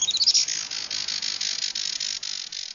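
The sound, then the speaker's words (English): Thin, high-pitched calls of a Juan Fernandez firecrown hummingbird: a quick rising squeak, then a continuous run of rapid, buzzy twittering notes, steady with no one talking. “for the Juan Fernandez Fire Crown.”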